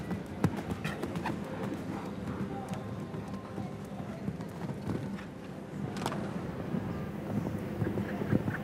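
A show-jumping horse gallops toward a water jump in six easy strides. Its hoofbeats thud in a steady run of sharp strikes, one especially strong around the middle, over a constant windy rumble with faint murmuring voices underneath.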